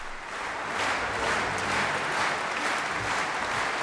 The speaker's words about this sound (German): Manfred Honeck überlässt auch immer einzelnen Musikerinnen und Musikergruppen den Beifall, ein Dank seinerseits an jene, ohne die er seine musikalischen Ideen nicht verwirklichen könnte.